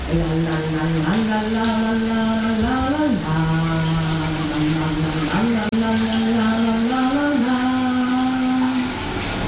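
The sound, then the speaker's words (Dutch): A shower tap is turned on and runs with a steady hiss of spraying water for the whole stretch, while a voice sings or hums a slow melody of a record over it. “De kraan die gaat aan en dan is het naar de opgave van ….”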